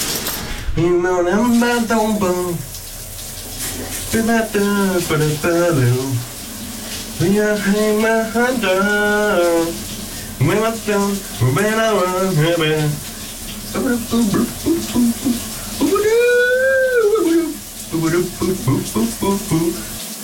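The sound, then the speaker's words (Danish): A man sings in the morning in wavering, drawn-out phrases over the constant rushing hiss of a running shower, his voice loud, with short pauses between lines. “Og jeg synes sagtens, vi kan føre den over i dagens brusebadsit”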